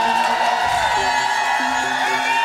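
A studio audience in studio R of the Maison de Radio-Canada in Montréal applauds and cheers after a concert performance, steadily, a dense wash of clapping with whoops and shouts rising above it, loud and unbroken throughout.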